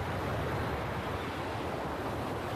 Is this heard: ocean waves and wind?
yes